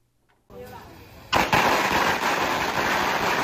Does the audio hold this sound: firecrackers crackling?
yes